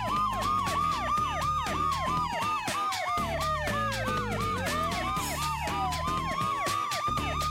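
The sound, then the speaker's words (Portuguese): The sirens of three PSP police cars with their lights on wail at once, fast repeating yelps overlapping with slower rising and falling tones, loud, with steady traffic rumble underneath and no talking. “Agente João, preciso da ajuda de 3 carros da PSP com as luzes ligadas.”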